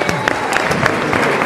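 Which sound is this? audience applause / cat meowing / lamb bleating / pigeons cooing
audience applause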